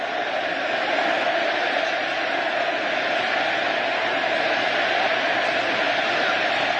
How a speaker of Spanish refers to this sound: Infantino lo aplaude, el argentino lo ovaciona. Te amamos Lionel, te amamos Messi, te amamos.